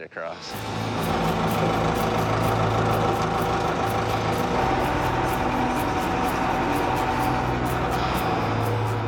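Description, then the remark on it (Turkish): The engine of old Miss Molly, a vehicle in Nome, turns over and settles into a steady, rumbling idle with a rhythmic ticking, fairly loud, holding an even chug throughout. “Yani kamyonetimin geçmesi için çok derin ama eski Miss Molly için değil.”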